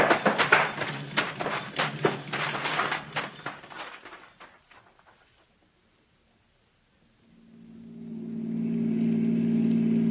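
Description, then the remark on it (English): A car engine chugs in rough, fading bursts as the car pulls over and stops, goes quiet for a moment, then settles into a steady, low idling hum that swells and holds, the engine kept running with the lights off. No one speaks. “Pull over and stop then. Douse your lights. Keep it running.”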